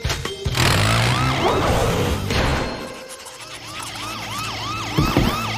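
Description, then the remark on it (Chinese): The engine of a PAW Patrol vehicle drones steadily underneath a loud, repeating siren whose rising and falling wails sweep over it again and again, with no one talking. “引擎声，是汪汪队来了！”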